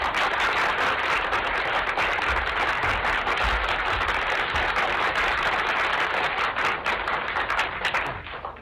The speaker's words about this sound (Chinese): 咱们掌声请出天津这两位相声名家。